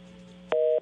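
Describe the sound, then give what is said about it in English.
A single loud electronic busy-signal beep from a phone line after a dropped call, a steady two-pitch tone lasting about a quarter second, preceded by a low line hum with no voices. “It must have been a cell phone signal, possibly. Maybe. Could have dropped him.”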